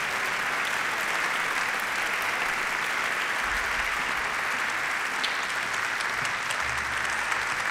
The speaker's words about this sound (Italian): Ti sei venuto a prendere un applauso perché era meritato, quello di prima non era sufficiente.